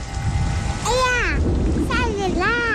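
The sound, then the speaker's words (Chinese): A steady rain shower with low rumbling thunder, starting while a kite is being flown, runs through the whole short stretch, while a voice calls out in rising and falling exclamations over the downpour. “下雨了，收起风筝吧，雨天放风筝容易被雷电击到。”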